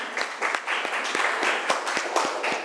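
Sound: classroom students clapping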